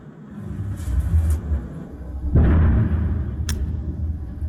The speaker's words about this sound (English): Okay, what's that you can hear? Very quickly, that is some sort of missile. I'm just going to take a quick break. Don't take any risks. Keep the phone on, you may hear something. Stay there. You'll hear a bang in a minute, I think.